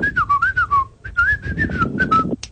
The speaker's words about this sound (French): Tu sais même pas siffler. Ah bah attends, eh oh. Faut apprendre à siffler avant de faire des conneries comme ça.